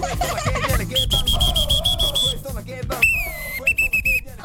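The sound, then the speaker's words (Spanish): Two referee whistles shrill out in bursts: one long, steady trilling blast, then a pause and two shorter piercing blasts, all over a constant low rumble of background noise. “Me regaló dos silbatos.”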